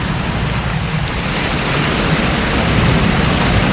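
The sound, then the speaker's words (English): Ocean surf at Sheboygan rolls in a steady, broad wash of noise, waves crashing and swelling slightly louder toward the end, continuous with no voices. “Number one sound. Is the ocean, see? Yes. Waves. The surf at Sheboygan.”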